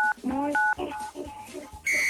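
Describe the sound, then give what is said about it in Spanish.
Three short electronic keypad tones as the digits 9, 8, 7 are pressed on a phone, sounding clear. Other tonal sounds and faint voice-like noise fill the gaps between them. “Apriétale 987 a tu teléfono.”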